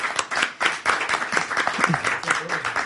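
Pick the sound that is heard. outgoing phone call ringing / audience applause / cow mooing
audience applause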